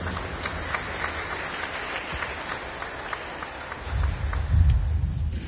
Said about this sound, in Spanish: palmas al Evangelio, hermano.